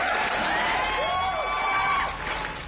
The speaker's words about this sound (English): And then, round of applause,